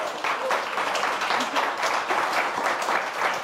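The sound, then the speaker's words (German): An audience in a hall applauds steadily throughout as a presenter calls someone to the front, a dense wash of many hands clapping at a constant, fairly loud level with no voices rising above it. “Kommt zu uns nach vorne mit einem Applaus.”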